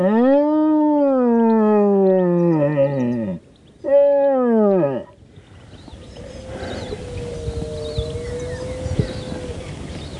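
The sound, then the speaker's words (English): Two long, loud bellowing roars blown through a deer horn in imitation of a rutting stag, to draw a stag out, falling in pitch, followed by quieter open-air ambience with a faint, steady tone. “tries to draw the stag out using a deer horn to mimic a roar.”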